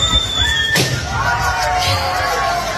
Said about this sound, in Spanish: Una persona silbando y otra explotando un globo con un alfiler, ¿no?